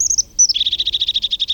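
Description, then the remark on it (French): A blue tit, a small blue bird with a yellow belly, sings as it approaches: a couple of thin, high notes followed by a fast, even trill of about a dozen repeated chirps, clear and alone against faint background hiss. “C'est un petit oiseau bleu qui s'approche en chantant.”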